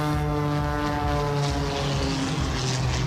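A propeller race plane's engine drones loudly overhead during an aerobatic air race on the banks of the Douro River, its steady harmonic whine shifting slightly in pitch as it passes, with no voices present.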